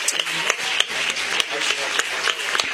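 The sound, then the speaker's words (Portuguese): A church audience breaks into applause for Jesus while welcoming a pastor, many hands clapping in a dense, steady patter of sharp crisp claps that holds at an even level for the whole stretch, with no voices. “Vamos receber nosso irmão pastor Rafael com palma de vitória para Jesus.”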